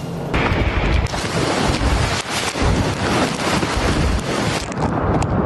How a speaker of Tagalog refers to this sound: Binayo ng malakas na hangin kasabay ng buhos ng ulan ang lugar ni Bayan Patroller Jess Panzo sa Tamuning, Guam.